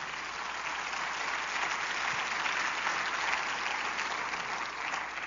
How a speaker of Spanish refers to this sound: La Biblia merece un aplauso. Vamos, déselo con fuerza.